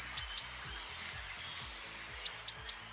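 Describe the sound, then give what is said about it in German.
A blue tit sings in summer, two bursts of high, thin, rapidly repeated notes, three quick descending whistles each, separated by a short pause, against soft outdoor background. “Eine Blaumeise, genau.”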